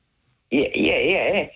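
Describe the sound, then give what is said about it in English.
A voice imitates a landline telephone ringing: one warbling, trilling burst about a second long, fairly loud, with no other sounds around it. “Oh, I could have sworn that the telephone was ringing. because imitated the sound.”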